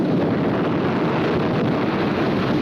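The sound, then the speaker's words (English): A dense, steady roar of pounding surf, loud and unbroken throughout, a rushing wash of water noise with no clear individual wave breaks and no voices. “More powerful than the pounding surf.”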